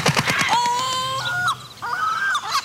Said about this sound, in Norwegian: For plutselig blir du utsatt for et måkeangrep.